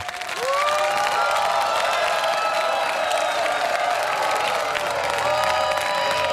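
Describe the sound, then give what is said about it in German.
A large crowd applauds steadily with a dense wash of clapping, mixed with cheers and a few whistles and whoops, sustained and loud throughout after a quick build at the start. “Aber die klatschen für euch und die klatschen auch für sich selbst.”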